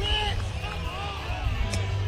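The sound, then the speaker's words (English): A baseball stadium crowd at a Nebraska game, game two with the bases loaded, cheers and murmurs in a steady, dense wash of voices, holding a fairly even loudness for about two seconds without any single standout shout. “Crowd loves it.”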